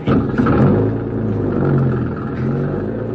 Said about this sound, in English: Yeah, and there's the car. Start her up and go down the road away. Then we can turn around and come back.